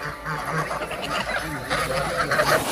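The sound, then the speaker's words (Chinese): A crowded flock of Landes geese, bred in a forestry district at the northern foot of Yishan, China, honks continuously and fairly loudly, with many overlapping calls forming a dense, busy chorus. “加之林区地处宜山北麓，与法国朗德地区的气候高度相似，朗德鹅一经引入，便在这里实现了成功繁育。”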